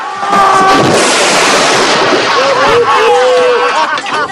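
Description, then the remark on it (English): An ogre is heaved overboard from a boat and plunges into water with a loud splash, followed by several seconds of churning, sloshing water, with high whistling tones and muffled voices underneath. “They heave the ogre overboard.”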